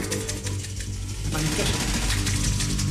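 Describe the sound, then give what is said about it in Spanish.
A crowd of people imitates the rustling of tree leaves in a jungle, producing a steady, dense wash of crackly, hissing noise that swells slightly louder midway and keeps up without pause. “Las hojas de los árboles.”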